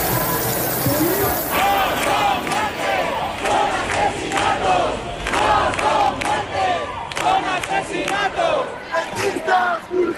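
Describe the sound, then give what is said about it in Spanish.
An angry crowd shouts and chants in protest over the death of Mari Carmen, many raised voices overlapping in loud, rhythmic bursts that rise and fall without pause. “El sonido de la semana ha sido el del estallido de la rabia tras la muerte de Mari Carmen, una llama que mantienen los que siguen en sus tiendas de campaña en el centro de Madrid.”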